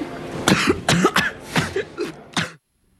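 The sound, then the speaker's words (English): A loud fit of harsh coughing, about six or seven raspy coughs in quick succession, ending abruptly in silence, from a scene in the film Spider-Man: Brand New Day. “That cough, that's a scene from Spider-Man Brand New Day, directed by my guest today, Destin Daniel Cretton.”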